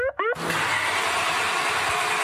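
A car engine fails to start: a brief rising squeal gives way to a loud, steady, rasping grind of the starter that runs for about two seconds without catching.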